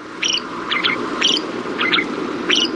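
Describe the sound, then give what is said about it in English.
Shrike song: five short, scratchy high-pitched phrases spaced about half a second apart, rising above a steady hiss of background noise. “Technically, these little raptors are classified as songbirds, but to our ears, their song can sometimes sound less than appealing.”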